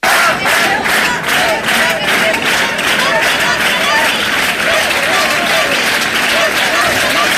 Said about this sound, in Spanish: Ceuta, Ceuta, Ceuta, eran los gritos. Ceuta no se vende, que daba paso a un sonoro aplauso.